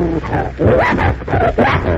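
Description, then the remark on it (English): A large bloodhound growls deeply and loudly, a rough continuous rumble that swells in several surges over two seconds, with no voices. “Prince, eh? That's a nice name, and you're a bloodhound, are you?”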